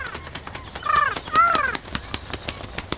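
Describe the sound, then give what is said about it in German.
A magpie's harsh, rattling chatter repeats in quick dry bursts, with two louder squawking calls in the middle, heard on its own without any talking, as the magpie snatches a letter and flies steeply upward. “Elster hat sich den Brief geschnappt, fliegt steil in die Höhe, wird kleiner, immer kleiner.”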